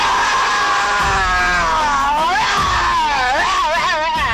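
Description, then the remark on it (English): A person imitates a roar with one long, loud, strained vocal bellow lasting about four seconds, its pitch wavering and swooping up and down toward the end, with no talking. “Here goes my roar.”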